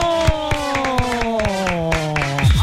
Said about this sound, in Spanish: ¡Aplausos!